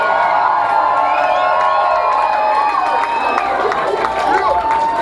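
A crowd cheers loudly and steadily for a live band for about five seconds, a dense roar of many voices with high shouts and whoops rising above it, no lull or pause.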